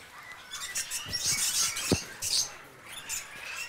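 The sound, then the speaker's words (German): An Edwards's fig parrot in an aviary cage gives thin, high squeaky chirps in quick scattered bursts over soft rustling and fluttering, with one sharp knock partway through. “auch der erste Kandidat, ein Edwardsfeigenpapagei hier.”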